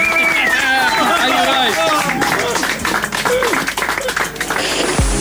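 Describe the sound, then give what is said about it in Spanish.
An audience applauds in a dense, steady wash of clapping, with whoops and cheering voices rising over it; the applause stays loud throughout and ends with a brief low thud. “¡Aplauso! ¡Explote!”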